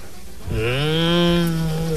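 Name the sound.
cows mooing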